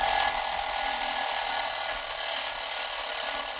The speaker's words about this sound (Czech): Tak, tenhle zvuk s kamarády moc dobře známe. Tak pozor, 3, 2, 1, budík, jo?